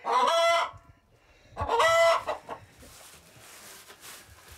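Two loud, harmonic calls from chickens and a rooster ring out, with softer clucking and rustling farmyard noise trailing off afterward. No one speaks.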